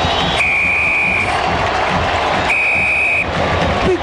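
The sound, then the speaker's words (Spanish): A referee's final whistle ending a football match won 2-1 by La U sounds two long, steady, high-pitched blasts, each lasting under a second, over the constant roar of a large stadium crowd. “Viene el pitazo del juez.”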